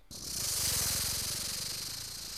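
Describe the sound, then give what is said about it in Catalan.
A person imitates a rattlesnake with a steady, loud hiss lasting over two seconds, a fast buzzing rattle pulsing underneath it. “Anem una serp?”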